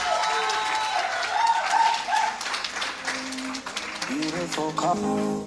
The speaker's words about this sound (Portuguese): Mais uma vez, uma forte salva de palmas, por favor.